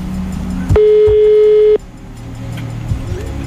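A single loud, steady ringing tone of a call to a prize-draw winner's mobile phone sounds for about a second, then cuts off, leaving a low background rumble with no one picking up.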